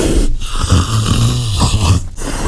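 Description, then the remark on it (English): A leopard's deep, rasping call, like a loud snore, grinding on in a low rhythmic stretch, with two brief breaks, and no one talking. “Well done if you said today's creature calling in is a leopard.”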